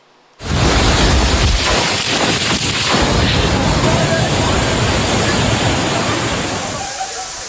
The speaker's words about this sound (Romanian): O furtună puternică a lovit cel mai mare oraș al Elveției și a lăsat în urmă distrugeri importante. Sunt și răniți.